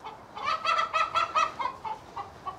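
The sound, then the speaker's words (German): Several chickens cackle and cluck excitedly while being chased and caught to go back into a mobile chicken coop, a busy run of rapid, overlapping calls that rises and falls in bursts without any talking. “Das Gegacker ist groß.”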